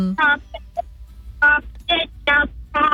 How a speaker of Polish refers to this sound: Kaczki.